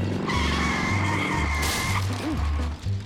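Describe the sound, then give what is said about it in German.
An unusual homemade car's engine chugs in a steady, pulsing rhythm while its tires let out a long, high squeal, loud, with no voices. “Das ist ein außergewöhnliches Auto. Papa hat ihn gebaut.”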